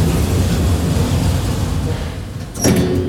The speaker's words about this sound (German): So, wir gucken einmal von oben. Tür schließt.